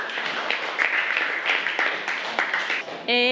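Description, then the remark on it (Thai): A classroom of students applauds group 5 in a steady burst of dense, overlapping claps for about three seconds, ending abruptly as a high, sustained voice-like tone begins. “เก่งมากค่ะกลุ่ม5ปรบมือให้กลุ่ม5ค่ะ”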